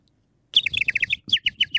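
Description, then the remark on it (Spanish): A person whistles a quick series of high, bright chirps imitating a little bird, about a dozen short tweets in a steady rhythm with a brief pause midway, clear, with no talking. “Si podés hacerme el pajarito”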